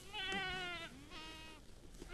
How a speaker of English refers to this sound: In a field of brush just north of Auburn in the Sierra Nevada foothills, a bunch of goats are grazing under the hot afternoon sun.